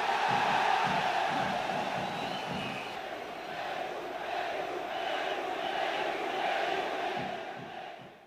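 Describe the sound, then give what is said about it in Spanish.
A large crowd chants and shouts "Perú" in unison, cheering Peru for sending an air force detachment to support Argentina in the Malvinas conflict; a dense roar of many voices with rhythmic surges that swell and fade, sustained loudly throughout before trailing off at the end. “Perú, efectivamente, gritaban porque Perú envió un destacamento de su aviación que apoyó a Argentina en el conflicto.”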